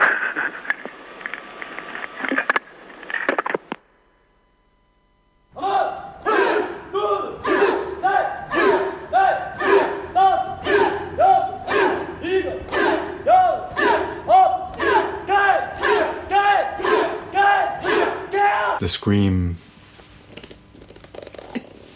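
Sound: human scream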